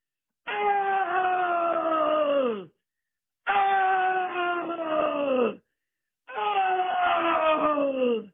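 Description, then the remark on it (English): A person imitates the moan of a black bear that had caught one of their sheep at the overgrown bottom of a canyon: three long, drawn-out wailing calls, each sliding downward in pitch, loud and harmonically rich, separated by brief pauses. “And he had one of my sheep up there, I think, because I heard him go,”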